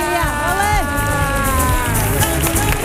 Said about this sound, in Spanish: pero le vamos a dar una tronadora ovación a la altura de la calidad como persona y como artista de esta maravilla universal.